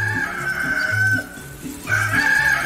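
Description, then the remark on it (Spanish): A rooster crows loudly in two long, strained calls separated by a short break, at 6:08 in the morning, with a steady rhythmic low backing, like music, running underneath. “De lo que cante, no me le cierre el pico al gallo.”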